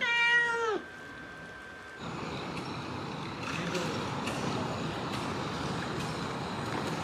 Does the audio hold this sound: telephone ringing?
no